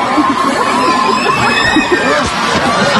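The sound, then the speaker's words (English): A large crowd of fans screams at a pop-up pop concert in Melbourne, a loud, continuous wall of high-pitched shrieks and cheering that never lets up for the whole stretch. “In its natural habitat, the fan, the cat's eye fan. In its room, the screams.”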